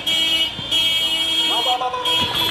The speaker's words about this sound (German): Soldaten mit geschulterten Gewehren lassen sich auf hupenden Pickup-Trucks durch die Straßen von Mekele fahren, der Provinzhauptstadt von Tigray.